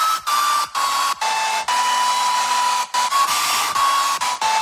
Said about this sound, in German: heute haben wir einen Ö3-Lieblingshit verpackt oder verloren in einem Föhn